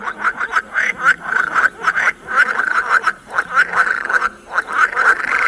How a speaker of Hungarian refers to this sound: Ez a mocsári béka.